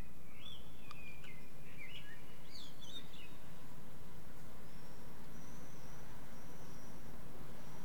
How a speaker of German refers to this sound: Sollen wir ein bisschen Vöglein-Gezwitscher?